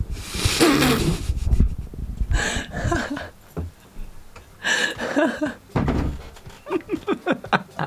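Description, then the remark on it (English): Someone arrives at a door: loud thumps and a burst of noise at the door, followed by a quick run of sharp knocks, with some muffled vocal sounds mixed in. “Hold on, someone's at the door.”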